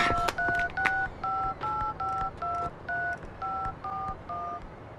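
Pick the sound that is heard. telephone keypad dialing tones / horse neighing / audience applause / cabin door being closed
telephone keypad dialing tones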